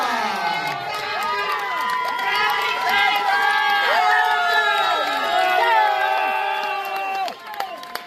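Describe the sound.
A crowd at Viva Festival cheers and claps steadily for a woman's story of reaching an Ironman, many overlapping voices shouting and whooping at a loud, sustained level before it briefly drops near the end.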